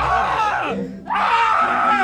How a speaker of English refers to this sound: I'm going to play this audio and then I want you to act like you're on top of her. Okay. And, all right, and then you guys yell together.